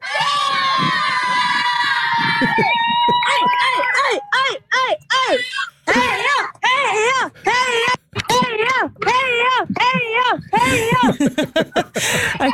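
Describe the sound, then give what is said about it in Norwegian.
A group of supporters cheers and shouts "Heia!" together as runners pass, loud overlapping voices rising in a sustained roar, then breaking into rhythmic, chant-like bursts of shouting. “Men som dere hører, så skal det ikke stå på heia-rop.”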